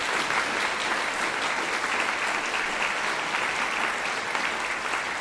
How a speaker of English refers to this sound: Getting applause there for his performance with the Melbourne Chamber Orchestra and the second movement of the Violin Concerto in C by Franz Josef Haydn.